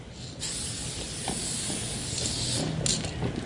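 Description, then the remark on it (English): An aerosol spray paint can hisses steadily as a graffiti writer paints a throw-up, a simple outline of letters, on the streets of Wellington in 2016. Brief surges and pauses in the spray over a low background rumble; no one speaks. “This is a throw-up. It's pretty much a really simple outline of my letters.”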